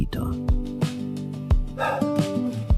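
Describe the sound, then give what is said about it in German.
A dog barks several times in short, uneven bursts, moderately loud, over a steady tonal background that hums underneath. “Gebell.”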